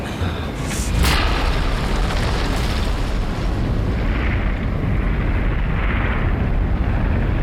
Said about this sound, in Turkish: Bu başka bir çığ. Büyük bir tane.